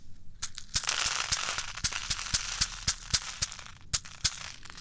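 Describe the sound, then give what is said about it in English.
Granular wheat kitty litter pours onto a sheet of paper, to be funneled into a bottle, a steady hissing patter broken by sharp crinkly ticks and crackles, with no voices. “And I'm going to pour a little bit onto this piece of paper so I can funnel it down into this bottle.”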